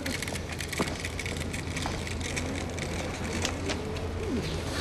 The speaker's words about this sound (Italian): Sì, come sta il piccione di papà? Bello, bello, bello.